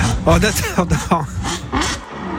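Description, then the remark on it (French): A car engine revs up in several quick rising bursts, each climbing in pitch before dropping back, fairly loud, as the vehicle pulls away for a short drive. “Moi, je vais faire un petit tour de voiture.”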